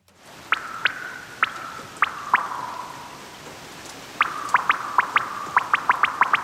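A tune played with raindrop drip sounds for the Ö3 radio song: bright, pitched plinks over a steady hum, a few spaced drips, a brief lull, then a quicker run of drips. No one speaks.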